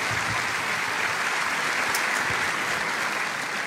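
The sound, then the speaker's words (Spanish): A crowd breaks into steady, loud welcoming applause, dense clapping that stays even throughout with no voices standing out. “Les enviamos un abrazo, hermanos, allá donde te encuentras, y también un caluroso aplauso de bienvenida para todos ustedes.”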